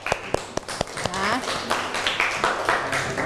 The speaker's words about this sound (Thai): เอาปรบมือเพื่อนหน่อยค่ะ